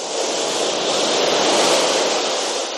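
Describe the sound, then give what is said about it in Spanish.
Steady ocean surf washes onto a beach, a broad continuous roar of breaking waves that swells gently and stays fairly loud throughout, with no voices. “Mira, ahora nuestra playa está limpiecita.”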